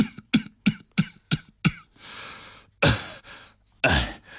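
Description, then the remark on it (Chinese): Violent coughing: a quick, rhythmic burst of six harsh coughs, then ragged breathing and two long, strained, rasping heaves. No one speaks. “…剧烈的咳嗽。”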